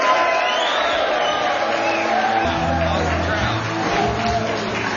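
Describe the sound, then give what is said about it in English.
A large crowd in North Carolina cheers and claps as Speaker of the House Mike Johnson is introduced, a steady, loud roar of overlapping voices, with scattered whoops rising above the din for several seconds. “Wow, what a great crowd.”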